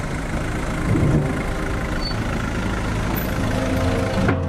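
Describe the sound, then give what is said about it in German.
The engine of a small, somewhat rumbly car ferry with room for 8 cars, crossing the Moldau reservoir from Blíží-Lota to Horní Plana, drones steadily: a low, rumbling idle that holds an even, moderately loud level throughout, with no voices. “Nur eine kleine, etwas rumpelige Fähre, auf der 8 Autos Platz haben, führt von Blíží-Lota aus jede halbe Stunde nach Horní Plana.”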